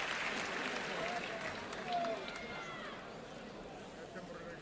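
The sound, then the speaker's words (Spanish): A bullring audience at a bullfight gives a sustained ovation as the matador begins the faena with the fifth bull, a dense wash of clapping and crowd noise holding steady for several seconds before easing slightly, with faint murmurs of voices within it. “El público que responde con esta ovación.”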